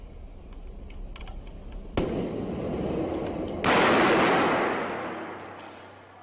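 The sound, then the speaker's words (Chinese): In a firefighters' demonstration, a sealed plastic drink bottle holding a little water bursts from dry ice pressure about 20 seconds after the dry ice is put in, with a sharp, loud pop, then a rushing hiss; a second, stronger burst follows, its noisy roar slowly fading. Faint clicks come before. “当干冰被放入盛有少量水的密闭饮料瓶中时，在短短20秒后，塑料瓶就发生了剧烈的爆炸。”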